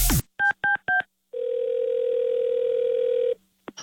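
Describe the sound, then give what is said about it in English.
Three quick touch-tone keypad beeps as a phone is dialed for a prank call, then a steady electronic phone tone holding for about two seconds, loud, with no voices. “Don't answer the phone.”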